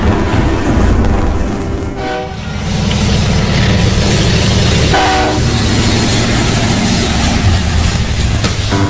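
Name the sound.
train passing with horn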